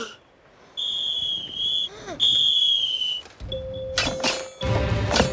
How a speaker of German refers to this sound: bläst erneut in seine Pfeife